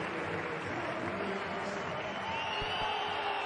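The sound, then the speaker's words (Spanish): A large football stadium crowd roars steadily, with thin whistles of disapproval rising out of the dense, continuous wash of noise from the stands as a substituted player leaves the pitch. “Pitos. Les oigo yo desde aquí.”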